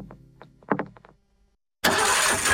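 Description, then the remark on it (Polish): A car engine cranks in a series of short, uneven bursts, falls briefly silent, then roars loudly into a steady, rough running sound. “Silnik mówi, coś mi nie pasuje.”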